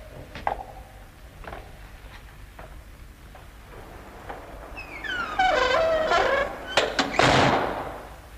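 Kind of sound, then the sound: household object, door being bolted shut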